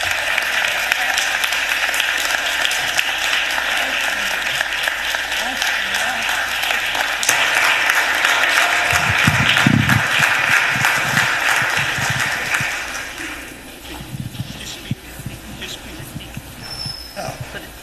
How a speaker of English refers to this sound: I want everyone else here to recognize him. And if you don't mind, he's 90 years old. He earned the right. Can we please give him a round of applause?